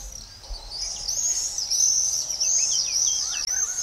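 Shrill, high-pitched screaming calls of common swifts ring out almost continuously, several birds overlapping in fast trilling bursts, fairly loud, with no one speaking.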